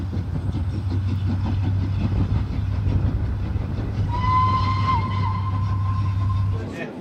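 A steam train heading west toward Limerick Junction in Ireland, on one of the country's oldest railway lines, built about 140 years ago, chugs along with a steady rhythmic chuffing over a deep rumbling drone, and a long, high whistle sounds midway before the noise suddenly drops away.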